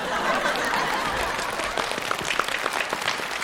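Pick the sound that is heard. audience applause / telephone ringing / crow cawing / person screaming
audience applause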